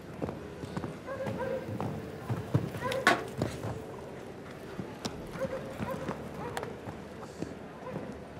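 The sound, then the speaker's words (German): Horse hooves canter in a steady rhythmic beat over soft ground during a show jumping round as the horse is ridden through a turn, with a few sharper thuds and a murmur of voices in the background. “Die Wendung geritten hier.”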